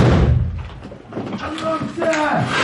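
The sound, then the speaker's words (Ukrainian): A door is knocked down with a heavy, booming, loud crash right at the start during a small assault on an enemy hiding place, followed by men's voices shouting over lingering clatter. “Ну давай знеси двері”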